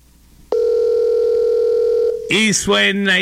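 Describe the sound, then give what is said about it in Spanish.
A single long, steady US-style telephone ringing tone of a phone call from the USA drones for about a second and a half, loud, then cuts off as someone starts talking. “Está sonando el teléfono, parece que es de USA. Ajá, tiene un sonido USA.”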